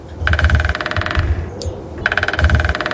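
A woodpecker drums its beak on a tree trunk at about 20 strikes per second in two rapid bursts of very fast, even taps, each lasting about a second, separated by a short pause over a low background rumble.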